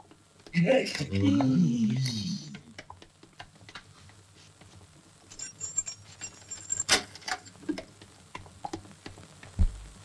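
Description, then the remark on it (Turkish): A brief voice at the start, then metallic clicks and jingling as a woman works a key in the lock of a home's door, a sharp latch snap, and a low thump as the door swings open. “Karı anahtarla açtı kapıyı.”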